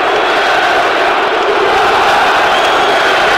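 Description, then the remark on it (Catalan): A large stadium crowd at the Estadi Metropolitano roaring and shouting chants of "puta Barça, puta Catalunya", a loud, dense, continuous wall of voices that holds steady throughout without breaks or any single voice standing out. “aquells crits de puta Barça, puta Catalunya.”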